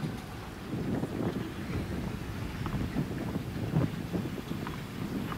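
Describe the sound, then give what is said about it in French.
Strong wind roars and buffets steadily across the open Philippe Chatrier tennis court during a match, a continuous low rumbling gust that swells and dips throughout, loud, with no voices. “Oui, franchement, on entend, c'est assez hallucinant. Hein, le vent qu'il y a sur ce court, Philippe Châtrier.”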